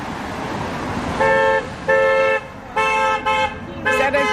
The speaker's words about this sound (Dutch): Or a bad honk? Bad. Bad. When they're very loud, they're bad.